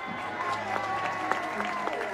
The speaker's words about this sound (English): Little kid got it. Everyone's applauding him.